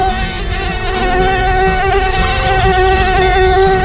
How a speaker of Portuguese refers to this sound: Ah, não, pernilongo não, hein?